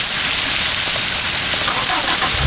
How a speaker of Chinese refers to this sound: 大哥，哎，下雨了。